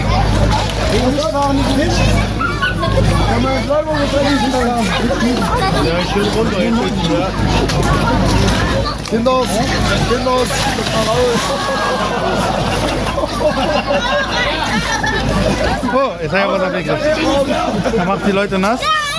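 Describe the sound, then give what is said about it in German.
A lively crowd chatters and calls out continuously while water splashes and sloshes as young men in a Pentecost custom jump into the water and tussle with each other, the babble steady and fairly loud throughout. “Die kleinen Pfingstfrosche springen jetzt rein. Hier bekämpfen sie sich, hier verkabbeln sie sich. Und haben sie im Wasser.”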